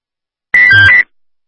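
A single brief electronic alert tone from an EMS dispatch alarm and radio test, loud and steady-pitched, lasting about half a second with a slightly buzzy, radio-filtered edge, then silence.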